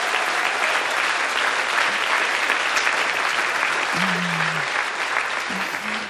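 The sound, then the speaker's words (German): An audience applauds its hosts steadily for about six seconds, a dense, even wash of clapping hands at constant loudness, with a brief low hum and a faint voice briefly showing underneath near the end. “Und vielleicht wollen wir einfach zu Beginn einmal echt einen richtig fetten Applaus für unsere tollen Moderatoren geben, weil die machen so einen großartigen Job.”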